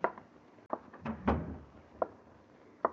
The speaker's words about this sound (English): Close the door, please. Sure.